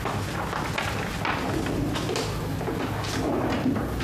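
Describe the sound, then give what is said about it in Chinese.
A drawer holding records slides open with a scraping rumble, followed by a few soft knocks and shuffling as things inside are handled; no one speaks. “那抽屉里不是有记载吗？你拿出来看看。”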